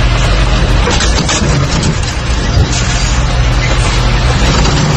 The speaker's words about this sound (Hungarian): És végül több parkoló autót is megrongált egy billencses teherautó Zuglóban egy szűk útszakaszon. Az internetre kikerült felvételen jól látszik, hogy a teherautó neki megy egy parkoló BMW-nek, majd arrébb sodorja.